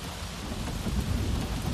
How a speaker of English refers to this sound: And so we're pedaling. We're pedaling to look, to find. What can we find? This storm is right on our tails.